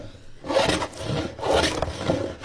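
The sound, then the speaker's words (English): Steady strokes of sanding and filing on spruce wood: about three rough, rasping back-and-forth passes in an even rhythm, with no talking, as middle school students carve traditional Tlingit canoe paddles in a classroom at Thunder Mountain Middle School in Juneau. “The sounds of sanding, filing, and chipping, and the aroma of spruce fills a classroom in Thunder Mountain Middle School early Monday morning.”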